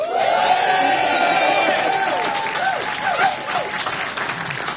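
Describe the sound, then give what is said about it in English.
An audience at a live members-only session in the WFPK performance studio bursts into sustained applause with cheering and whoops, steady dense clapping throughout, with a few rising and falling shouted whistles and yells over the top. “Well, hi, everyone. We're live in our performance space. Big cheer.”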